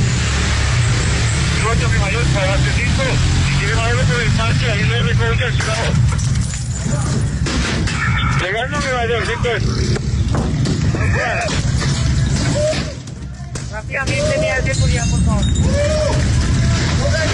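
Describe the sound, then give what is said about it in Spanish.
A chaotic street confrontation as women attack police with stones and sticks in the La Leona sector of La Estanzuela: many agitated voices shouting over one another, sharp clattering and banging impacts, and a constant heavy rumble of traffic, loud throughout. “Piedras y palos, así recibían a la policía estas mujeres que organizaban todo lo que pasa en la Estanzuela.”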